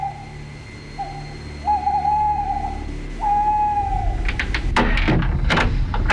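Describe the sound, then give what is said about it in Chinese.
At night, a man imitates an owl with three steady, drawn-out hoots in front of a house, followed by a clatter of knocking and rattling as the door is opened. “他来到一处民宅前，学了三声猫头鹰叫”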